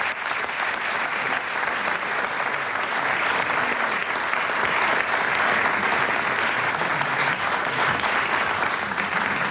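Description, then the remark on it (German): Sustained applause from a large audience as two guests come onto a stage, steady and fairly loud throughout, a dense wash of clapping hands with no pauses and no voices standing out. “Und die kommen nochmal einen großen Applaus auf die Bühne.”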